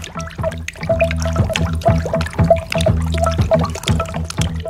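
Rain falls steadily with scattered drips and trickles of water, fairly loud, over a repeating tonal musical pattern that continues throughout, with no voices.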